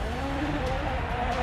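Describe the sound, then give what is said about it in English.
A rally car driven by Gregoire Munson crabs sideways on a narrow special stage, its engine droning hard in a steady, loud roar with a rough, gritty texture that holds without a break and with no voices over it. “That car is crabbing enormously for Gregoire Munson.”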